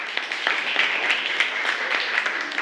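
A group claps steadily for a few seconds, a dense patter of many overlapping hand claps at moderate loudness with no talking over it.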